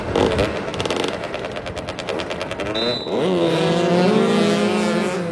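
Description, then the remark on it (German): Motorcycle engines roar and rev loudly during a motoball match, four players per team racing over an asphalt football pitch. Rapid rattling bursts early on, then a rising, sustained whine as the bikes accelerate; no one speaks. “Motoball heißt, vier Spieler pro Mannschaft rasen auf Motorrädern über ein asphaltiertes Fußballfeld und versuchen, einen 40 cm großen, 1 kg schweren Ball im gegnerischen Tor unterzubringen.”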